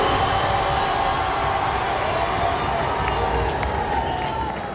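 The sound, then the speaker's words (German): A large crowd claps and cheers in a dense, steady roar of applause that holds at full strength across the whole stretch, with no single voice standing out. “Ja, Applaus.”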